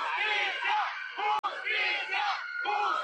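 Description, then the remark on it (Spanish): Protesters shout and yell loudly and continuously amid the music of parade bands, among people waiting for a calenda parade, many voices overlapping in rising, chant-like cries calling for justice for Alejandro, broken only by a split-second gap partway through. “Pese a la música de las bandas y gritos, sí se alcanzó a escuchar el grito de justicia para Alejandro.”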